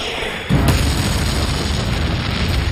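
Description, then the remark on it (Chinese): A Soviet armor-piercing shell with high-explosive filler explodes on impact against tank armor with a sudden heavy boom about half a second in, then a loud, deep rumble rolls on steadily to the end, with no voices. “苏军的穿甲弹含有高爆炸药，破坏力很大，可以从1000米外穿透55毫米厚的装甲，撞击时会爆炸，并从内部摧毁敌军坦克。”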